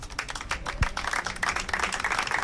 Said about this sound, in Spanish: Con aplausos, acababa el minuto de silencio en la sede de Bilbao.